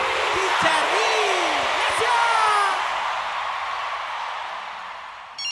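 A crowd applauds and cheers loudly, with scattered whoops and yells rising over the steady clapping before it slowly tapers off near the end.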